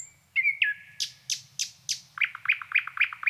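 A nightingale sings alone at Krankesjön, sitting very close to the microphone: a drawn-out whistle, then four loud, sweeping notes, then a fast rhythmic run of bright, repeated chirps over a faint low rumble.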